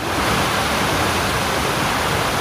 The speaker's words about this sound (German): Fontäne in der Mitte.